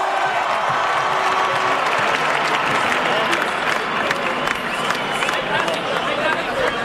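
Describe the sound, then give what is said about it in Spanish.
Sustained applause from a large audience, dense steady clapping filling the whole stretch with a murmur of crowd voices mixed in, loud throughout, greeting a guest as she enters at a celebration of the World Cup. “¡Un aplauso para”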